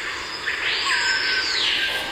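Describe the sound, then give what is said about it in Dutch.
A screaming piha in a forest in Suriname gives one loud, ringing, siren-like whistled call that swells and slides in pitch, set against a steady hiss of forest insects, with no voices. “De bospolitie. De bospolitie. De sirene.”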